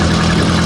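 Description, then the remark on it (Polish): A small motorbike engine idles, a loud, steady low hum with an even mechanical buzz throughout the brief moment and no voices. “Motorek!”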